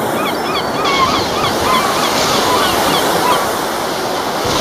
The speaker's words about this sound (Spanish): Hay que ver, mirar al mar, escuchar las gaviotas